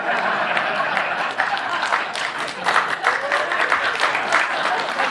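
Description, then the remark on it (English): An audience breaks into sustained applause, a dense crackle of many hands clapping at a steady, fairly loud level for several seconds, with faint murmuring voices mixed in. “You applaud that.”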